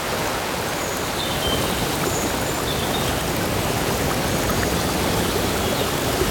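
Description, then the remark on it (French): Steady rushing of a forest river on a mountainside early in the morning, streams tumbling over cascades and into pools in cool air of about 13 degrees, a dense continuous wash of water with faint high chirps of birds scattered above it. “C'est une forme de placebo sonore que je vous propose, en commençant par cette très belle ambiance de rivière dans la forêt.”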